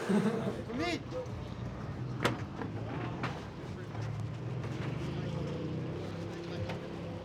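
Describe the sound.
A motorboat engine drones steadily on the water as the boat takes people to a skate spot, a continuous low rumble with wind and water noise, and muffled voices faintly mixed in.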